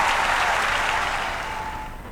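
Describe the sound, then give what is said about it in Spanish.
Loud applause from a crowd, a dense, steady wash of clapping that holds strong and then eases off slightly toward the end, with no voices over it. “Fuerte ese aplauso, bien, bien arriba.”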